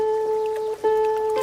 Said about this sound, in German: Wir paddeln auf dem dunkelbraunen, gemächlichen Strom. Hier gibt es kaum Menschen und deren Maschinen.